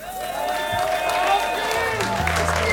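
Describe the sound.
An audience applauds steadily, a dense wash of clapping with some cheering and crowd voices mixed in. Sustained tones sit underneath, and low notes come in near the end.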